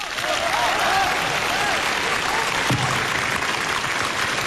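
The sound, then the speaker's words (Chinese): Sustained audience applause, a dense, steady wash of clapping from many hands that holds at an even, fairly loud level throughout, with faint crowd voices mixed underneath. “你听听大伙儿掌声够多么热烈。”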